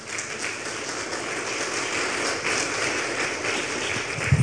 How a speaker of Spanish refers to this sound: Un aplauso para el Señor, por favor.